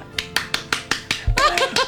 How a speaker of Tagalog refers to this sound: Kapakpak ka manok bala. Kita mo na kisaga palakpak na.